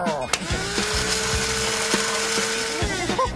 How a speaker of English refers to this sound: Now, put them into the blender and hit puree to make it nice and smooth. Everything in the blender. And now, puree.